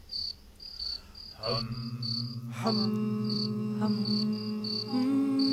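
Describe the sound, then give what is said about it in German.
A group of people hums low, sustained tones, voices joining in one after another, while rapid, steady cricket-like chirps pulse faintly above them throughout. “Na, summt ihr euch ein bisschen Mut an?”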